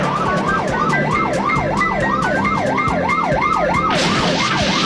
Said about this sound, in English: Police car in hot pursuit.